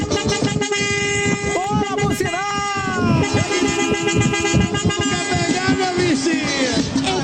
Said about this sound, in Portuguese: Vamos lá pro buzinaço, vamos? Aê, cara, é isso!